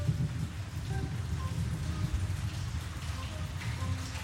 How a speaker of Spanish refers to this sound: Hoy acá está lindo, está lloviendo, estamos haciendo unos videos caseros. Acá se llueve desde anoche, por suerte, y no ha dado tregua a los calores.